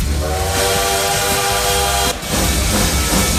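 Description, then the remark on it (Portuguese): A loud bullet train sound effect: a sustained horn-like whistle over a roaring, hissing rush of motion for about two seconds, then a brief dip before the rushing noise carries on. “Cabe todo mundo por aqui, ó, o trem bala aí, ó.”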